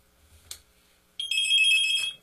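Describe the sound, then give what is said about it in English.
A single short click of a telephone handset being hung up after a call, followed a moment later by a steady, bright electronic telephone tone that sounds for about a second. “I got to hang this phone up before I can do that.”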